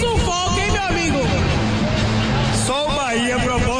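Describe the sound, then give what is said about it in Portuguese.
A dense stadium crowd of Bahia football fans roars and chants continuously after a 1-0 win over Mirassol, many voices blending into a loud, steady wall of cheering with rising shouts throughout. “Consegue ouvir a galera”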